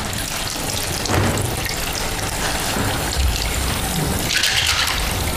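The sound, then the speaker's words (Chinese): A tap runs steadily into a sink, a continuous hiss of water with brief louder splashes as dishes are washed under the stream. No one speaks. “妈，我跟同志我们俩有分工的，我做饭，他洗碗，今天该他洗碗，我来帮他的。”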